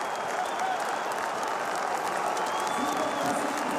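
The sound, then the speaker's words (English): A large crowd of Power football fans at Adelaide Oval applauds and cheers at halftime, giving a standing ovation for a two-goal lead. The clapping and shouting form a steady, dense roar that holds at a constant level throughout, with a few whistles rising above it. “Have a listen to the power fans at Adelaide Oval.”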